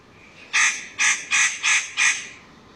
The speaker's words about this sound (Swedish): Nötkråka.